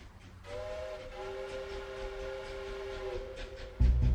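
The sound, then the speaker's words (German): A train sounds a long, steady horn for several seconds, then a sudden loud burst of low rumbling as it rolls past on the rails. No voices. “Der Zug trägt es fort.”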